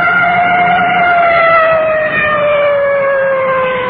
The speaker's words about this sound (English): Coming up to a large intersection, I can hear that full treatment on the sirens.